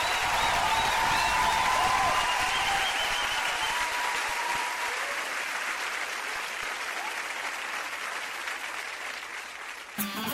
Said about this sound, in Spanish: aplauso